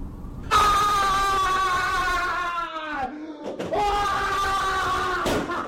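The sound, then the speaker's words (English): A person lets out two long, loud, strained screams in a workplace room made for staff to vent their frustrations, the first trailing off and dropping in pitch before a brief pause and a second sustained yell. “So we created this Scream Room. It's a place where people can vent their frustrations, but in a professional way.”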